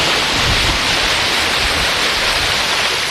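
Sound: sea waves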